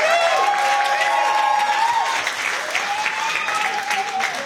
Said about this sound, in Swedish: Så, tack så jättemycket till Jespers Volt. En applåd.